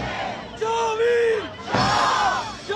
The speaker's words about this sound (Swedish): Så hör jag liksom det här dånet av trummor och liksom demonstrationer och folk som skriker, liksom skriker sig hesa då.